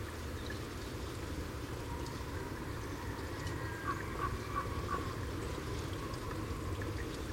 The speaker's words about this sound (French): Ah, voilà, là, je suis sur l'axe du grand corbeau, là. Roc, roc, roc, roc. Voilà.